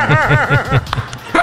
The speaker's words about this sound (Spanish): Date quieto, perrito.